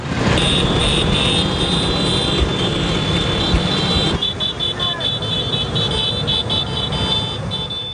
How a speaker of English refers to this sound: The little Italian scooter is getting its praise this weekend as the Vespa celebrates its 80th anniversary in Rome. Organizers say over 10,000 Vespas are swerving through the ancient Roman streets.